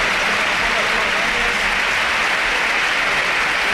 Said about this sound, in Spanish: Sí, sí, sin duda alguna, los campos de sport del Sardinero que se han volcado con Aitor Mañas, ahora se vaya en camilla el terreno de juego y ahora, mira, así suena el Sardinero, que le aplaude todo el mundo.